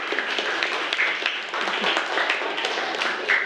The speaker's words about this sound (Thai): เอาปรบมือให้กลุ่มนี้หน่อย